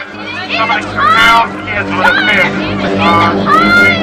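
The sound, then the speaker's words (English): Busy crowd hubbub on a beach: many overlapping voices chattering and calling out at once, a steady, fairly loud wash of babble with a few louder cries rising above it. “Brody and Ellen make their way through the crowd.”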